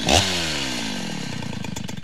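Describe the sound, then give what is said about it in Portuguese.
A Stihl chainsaw engine roars loudly, its pitch dropping after a sharp rev, then settling into a steady, throbbing drone with a slight pulsing rhythm. No voices. “Na Dom Bosco a Estil ronca alto e a parceria acontece.”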